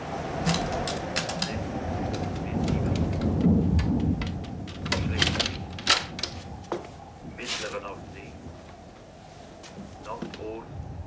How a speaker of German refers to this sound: Ach, allein sein ist nix. Nun kommt auch noch Sturm auf.